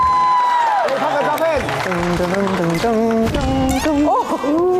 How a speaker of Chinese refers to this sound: 世人熟知他的幽默诙谐一面，却容易忽视他顶尖的唱歌水平。我们掌声欢迎